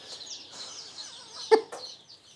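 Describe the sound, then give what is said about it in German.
A cluster of young hen chicks peeping continuously in high, overlapping chirps, with a couple of sharp knocks breaking in partway through; no one speaks. “Noch zwei Hennenküken gehen an Christian.”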